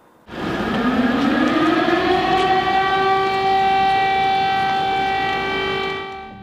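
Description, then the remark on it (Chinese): An air raid siren in Kyiv, Ukraine, during German Chancellor Merz's visit, starts at about 0.3 s, its steady, harmonic wail rising slightly in pitch and then holding loud for roughly six seconds before fading at the end. No one speaks. “近期德国总理默茨访问了基辅，迎接他的除了乌克兰总统泽连斯基，还有防空警报。”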